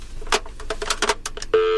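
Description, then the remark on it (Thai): A quick run of telephone keypad tones as a radio DJ test-dials the show's phone-in line, about eight short beeps in uneven rhythm, then a steady sustained line tone starts. Clear, with no voices. “เราไม่ได้จะไม่ได้รับสายหน้าไมค์มาเป็นอาทิตย์แล้วนะเดี๋ยวฉันลองดูก่อนว่ามีเสียงหรือเปล่าเดี๋ยวฉันลองดูแป๊บนึง”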